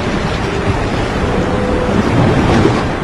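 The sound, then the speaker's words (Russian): Waves wash steadily onto a sandy shore with a continuous broad rushing, while wind howls among rocks and blows across the microphone in a low, constant roar. No voices are present. “Над ней царила тишина, нарушаемая лишь шорохом набежавшей на прибрежный песок волны, да воем ветра среди скал.”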